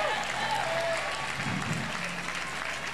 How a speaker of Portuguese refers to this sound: Aplauda o nome de Deus!